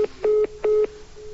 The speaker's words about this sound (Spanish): Bueno, se cortó la comunicación, ¿eh? Se cortó la comunicación.